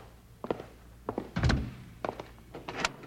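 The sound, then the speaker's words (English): A bank door thuds shut with a heavy low-pitched thump, surrounded by a series of sharp metallic clicks and rattles as a lock is worked and turned. “Bill, he's locking the door.”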